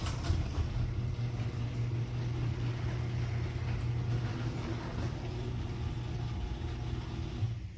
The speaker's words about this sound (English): play the second, the after, the new nylon roller audio clip of my garage door. This is like my garage door.